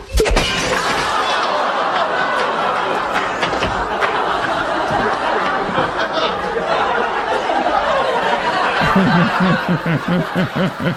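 A loud, sustained crash of the window in a door shattering as a duck flies out through it in a Home Improvement scene, with bright sharp fragments scattering over several seconds while people laugh and chatter underneath.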